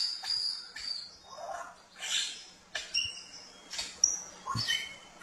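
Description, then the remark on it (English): A Prince Albert's lyrebird pours out a varied mimicked medley: piercing whistles, harsh buzzy chatter and sharp clicking notes in quick shifting bursts, clear with no voices. “It is superb in Prince Albert, and I believe the Prince Albert is up here, or maybe I've got it the other way around, wrong way around, but I believe it's Prince Albert because of their mimicking skills. Let's just have a little listen.”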